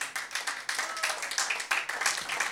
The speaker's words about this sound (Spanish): Démosle ofrenda de palmas al Señor en esta bendita hora.